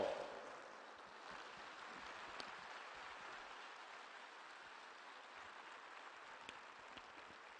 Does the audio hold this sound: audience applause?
yes